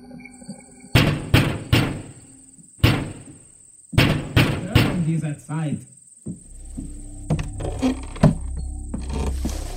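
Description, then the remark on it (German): Loud, sharp knocks on a door come in irregular bursts of two or three, over a thin steady whine and, later, low rumbling background noise. “Das Ziel lag nahe, so dass sie nach wenigen Minuten bereits vor der Tür Emidio standen und laut und vernehmlich klopften.”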